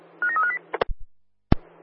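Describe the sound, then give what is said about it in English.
A quick run of several touch-tone dialing beeps in a rapid string, followed by a few sharp clicks and pops over a faint, steady low hum, with no voices. “If somebody there has a free set of hands, could you give me a ring, please?”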